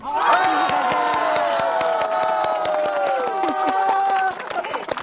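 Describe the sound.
A crowd cheers and shouts loudly and continuously, with many high, sustained voices yelling together over steady rhythmic clapping, before fading slightly near the end.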